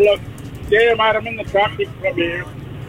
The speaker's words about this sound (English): Sound like you're in your truck.